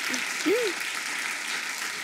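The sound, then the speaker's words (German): Steady audience applause, a dense wash of many hands clapping at once, with a brief voice cutting in early over the noise. “Und ich werde ja jetzt passend dazu nächste Woche 46. Applaus.”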